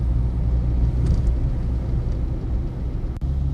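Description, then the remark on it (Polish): A car engine idles in a traffic jam with a steady low rumble and hum, continuous, with faint higher whirring from surrounding traffic; no one speaks. “To pamiętam też, ten dźwięk z czasów, jak tutaj jeździłam z mamą samochodem.”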